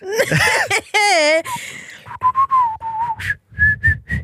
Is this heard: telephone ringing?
no